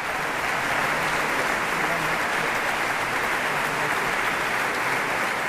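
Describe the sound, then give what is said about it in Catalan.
Sustained applause from the audience at the concert Les Introbables, dedicated to Conxita Badia and Victòria dels Àngels, following a performance by soprano Montserrat Seró with the Orquestra Simfònica Victòria dels Àngels. It is a dense steady wash of many hands clapping at an even loudness throughout, with no voices standing out above it. “Rebien aquests aplaudiments del públic que va assistir al concert Les Introbables, dedicat a Conxita Badia i Victòria dels Àngels, dues figures importantíssimes que van triomfar tant a casa com a fora i que van saber fomentar la nova creació.”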